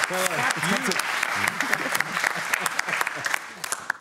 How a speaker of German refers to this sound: Und du musst so lange klatschen, bis wir wieder im Bild sind.